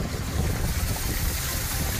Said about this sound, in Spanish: Es el sonido de los coches pasando por las calles anegadas de Orihuela